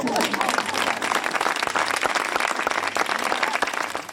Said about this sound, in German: Der war echt und nicht geschwindelt, der Applaus.